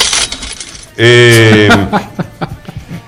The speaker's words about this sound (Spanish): ¿Por qué abriste la caja? Saltaron la caja chica. Saltaron las monedas.